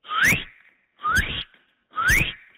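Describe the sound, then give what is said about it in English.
A radio traffic reporter in Halifax whistles an imitation of a northern cardinal's call while practicing bird calls: three loud, clear notes, each sweeping upward in pitch, repeated at an even pace with short pauses and no talking. “That's a northern cardinal.”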